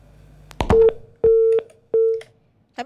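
A telephone busy tone beeps three times in a steady on-off rhythm, each beep a flat electronic tone, with a short click before the first and a brief chirp at the end, after a radio show's phone call with the Head of the West Java Provincial Environment Agency drops.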